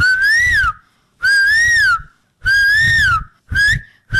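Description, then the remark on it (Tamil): A school student doing mimicry imitates a cuckoo's call with four clear, whistle-like hoots in a steady rhythm, each swelling slightly in pitch. The last one is cut short. The hoots are fairly loud. “இது எனக்கு தெரியுமே, குயில்.”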